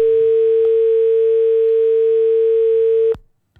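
A steady, loud telephone line tone holds for about three seconds as a radio show host picks up a listener's call on the programme Mutiara Pagi, then cuts off abruptly with a click, followed by near silence and a faint tap.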